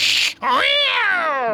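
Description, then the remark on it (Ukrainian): A frightened cat lets out a sharp, breathy hiss, then breaks into a long, wavering yowl. Loud, with no voices. “Тоді кіт ще дужче переляканий пирснув”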